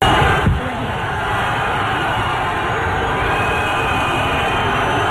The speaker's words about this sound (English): Just so you know, in Spain and in Europe, that kind of whistling is like booing.